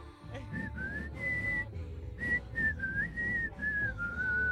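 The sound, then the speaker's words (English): Someone whistles the theme tune of the TV show Kolchak: The Night Stalker, a wavering melody of held and sliding notes with a brief pause midway, over a steady low background rumble. “Or be able to whistle the theme?”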